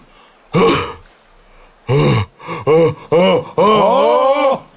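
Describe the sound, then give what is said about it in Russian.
A person loudly acts out an exaggerated, theatrical yawn imitating a metallurgist's yawn: a strained opening gasp, several short groaning bursts, then a long drawn-out vocal wail, with no talking. “А вот теперь зевок металлурга.”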